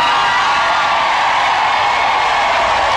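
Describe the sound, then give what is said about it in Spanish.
A crowd applauds a maestro after his chamamé performance, loud, steady, dense clapping for about three seconds, mixed with scattered cheers and whoops; no one speaks over it. “Para usted, maestro, para usted un aplauso.”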